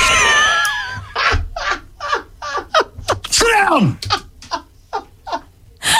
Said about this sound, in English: Sit down! Sorry. It's a dog.